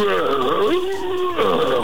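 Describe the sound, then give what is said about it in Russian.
A person loudly imitates a lion's roar, one drawn-out voiced growl that swoops in pitch and stays strong for about two seconds, with no other sounds around it. “Это лев, а ты говоришь котик.”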